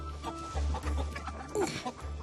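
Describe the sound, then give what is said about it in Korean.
Several chickens that have escaped from their house cluck and squawk in a busy, overlapping jumble of short calls, steady, with a low background rumble and no talking. “닭들이 집을 나가버렸습니다.”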